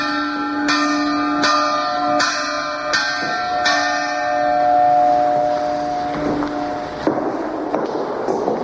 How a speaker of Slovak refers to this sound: Alebo zvon vyrobený v Banskej Štiavnici v polovici 19. storočia.